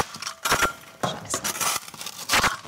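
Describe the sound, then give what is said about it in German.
Knocking on a clay plaster wall with a hollow space behind the plaster: several sharp, hollow-sounding raps like knocking on a door, some in quick pairs, spread unevenly over a few seconds, with no one speaking. “Hier zum Beispiel hört man das, dass das klingt, wie als würde man gegen eine Tür klopfen.”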